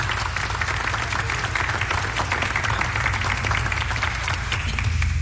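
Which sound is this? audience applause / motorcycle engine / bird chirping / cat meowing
audience applause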